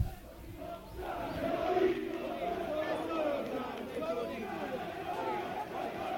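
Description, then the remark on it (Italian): A large stadium crowd at an Italian football match roars and jeers steadily, whistling at the arriving Torino team, with shrill whistles cutting through the din now and then. The noise swells slightly partway through and stays loud throughout. “Insomma, i fischi in un giorno del genere, dove invece il ricordo e soprattutto il rispetto.”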